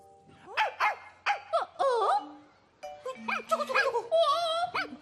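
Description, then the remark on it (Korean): A small puppy, Beongaemeong, in a bag yips and barks in a string of short, high-pitched bursts, then breaks into a quicker run of excited yaps and whiny whimpers, fairly loud with no one talking. “너 집에서부터 몰래 따라온 거야? 너도 우주 탐험대가 되고 싶다고?”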